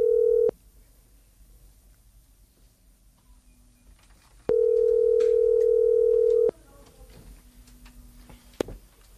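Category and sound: signal or alarm, telephone dial tone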